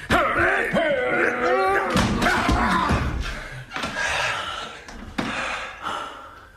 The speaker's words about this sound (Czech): Zamknul jsem a teď nemůže ven. Co tam dělá? Přátelé, vyrazíme dveře. Pomozte mi.